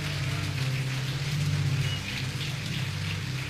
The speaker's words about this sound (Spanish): Vamos, déle su mejor aplauso al Señor.